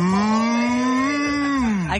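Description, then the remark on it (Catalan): A person imitates a cow with one long, loud, steady moo that holds for about two seconds, then dips and trails off at the end. No other sounds or speech accompany it. “que ha arribat el teu moment, les vaques.”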